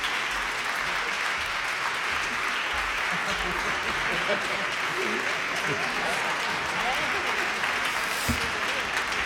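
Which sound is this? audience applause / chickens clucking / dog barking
audience applause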